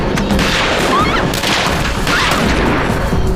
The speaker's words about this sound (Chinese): 等等，枪声哪个方向？ 那边。